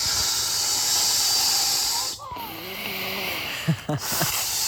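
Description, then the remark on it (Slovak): Steady, loud airy hissing of a pump pushing air into an inflatable, worked with the whole body, a listener's summer sound, broken by a couple of brief pauses, with faint voices and short tonal sounds underneath. “To celým telom nafukuješ na fukovačku.”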